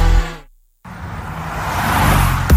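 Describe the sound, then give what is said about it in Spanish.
A car engine rumbles, cuts out abruptly into a brief silence, then returns as a steady low roar of passing traffic ending in a sharp whoosh. “No te quedes en el tráfico.”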